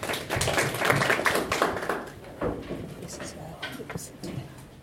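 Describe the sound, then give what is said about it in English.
An audience breaks into steady applause, a dense crackle of many hands clapping, loudest in the first two seconds and then tapering off, with some voices murmuring underneath. The applause welcomes a doctor as the fourth part of a media event held by Aga Khan University Graduate School of Media and Communication with the Kenya Editors Guild. “A clap for the Tari Tafadhali.”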